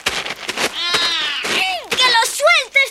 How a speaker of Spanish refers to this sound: ¡Suelta a ese pobre gato! ¿Es que no te da lástima maltratar a un pobre animal?